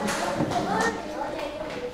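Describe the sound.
Classmates in a school lesson clap their hands for a girl chosen to come out and present answers, in a steady, irregular patter of sharp slaps, with children's voices chattering underneath throughout.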